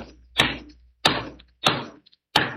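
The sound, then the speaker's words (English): Four sharp hammer blows on nails while fixing a roof, each a hard metallic knock with a brief ringing decay, landing at a slightly uneven pace with no voices. “You're pretty handy with a hammer, too.”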